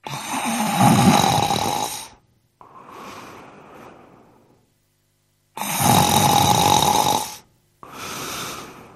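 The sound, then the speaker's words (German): A man snores heavily and up close: two loud, rasping inhales, each followed by a softer, wheezy exhale, with a short silence between cycles and no talking. “Dann legte er sich nieder, und als er ein Weilchen gelegen hatte, fing er an zu schnarchen wie im tiefsten Schlaf.”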